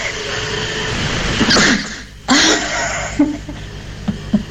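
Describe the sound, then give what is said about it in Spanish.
A person in Rufino sneezes forcefully, preceded by a shorter breathy burst, then a few soft breaths and small sounds as it settles, with no talking. “Tengo, dije, una gana de estornudar, perdón.”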